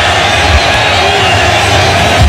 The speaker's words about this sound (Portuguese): Deixa o sobe som aí. Deixa o sobe som. Deixa o ambiente. Deixa a torcida falar.